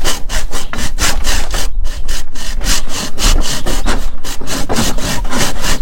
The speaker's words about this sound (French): Je te laisse scier.